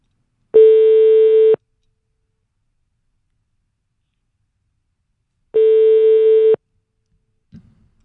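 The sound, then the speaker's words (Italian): A telephone ringback tone while placing a call during an Italian radio show sounds twice, each a steady one-second electronic buzz separated by about four seconds of silence, clear, followed by a faint click at the end. “Allora, ripeto, stiamo chiamando”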